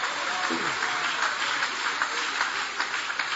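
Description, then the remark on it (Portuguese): An audience at a church service applauds God, a dense, continuous wash of many hands clapping at once that stays even in loudness throughout. “Pode tomar o vosso assento, guarda a sua Bíblia com carinho e podem aplaudir a Deus também com muita alegria.”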